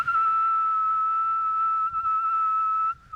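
A whistle blown hard for a decibel loudness reading, in one long, unbroken blast of about three seconds, holding a steady, piercing high pitch before cutting off abruptly.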